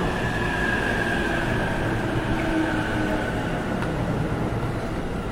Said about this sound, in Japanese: この列車は4つドア15両です。グリーン車がついております。三河島南千住北千住には停車いたしません。 特別快速土浦行き到着です。4番線ご注意ください。